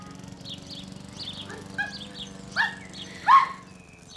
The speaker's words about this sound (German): Ja, ganz schön lebhaft. Wie halten Sie denn das aus mit dem Hund? Gar nicht. Frau Hase gehört meinem Mann.